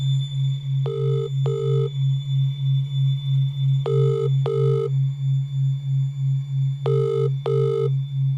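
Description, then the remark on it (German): A ringback tone from a call placed on a mobile phone sounds three times, each a quick double burst of tones, with no answer, over a steady low pulsing hum. “Sie hat ein Handy, und gemeinsam versuchen sie, Brads Vater zu erreichen.”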